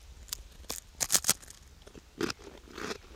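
Someone takes the deciding bites in a taste test of kaviar and skinkost (ham cheese): a quick cluster of crisp crunching bursts, then a few softer, moister chews after a short pause, with no talking.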